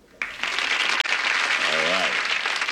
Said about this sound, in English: Now that sign says, applesauce. No. I'm kidding. It says, applause. Ray, do me a favor. Could you flick that once?